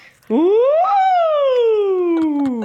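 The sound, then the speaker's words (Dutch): A single loud voice imitates a siren as a vocal exercise, sweeping quickly upward and then gliding slowly down from high to low in one continuous, sustained wail. “Dus ik zou zeggen, doe een sirene van hoog naar laag.”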